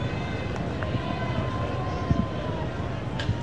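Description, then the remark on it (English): Heavy rain pours down at a ballpark during a Mariners baseball game in the 7th inning, with the wind all but gone, a dense, steady hiss with a low rumble underneath, holding an even loudness throughout with only a few faint taps and thuds breaking through. “It's raining fairly hard now.”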